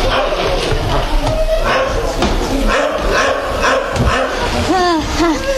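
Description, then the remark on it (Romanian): A dog named Dingo barks in short bursts, mixing in high, rising yips and whimpers toward the end, over a steady, busy background noise. “În orice caz, nu-i Negoro, căci ar lătra mai furios.”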